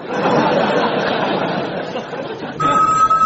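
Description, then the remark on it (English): The Invisible phone starts ringing near the end with a steady, bright electronic tone, cutting in over a busy background of crowd chatter and light laughter. “Hey, it's the Invisible phone, Captain.”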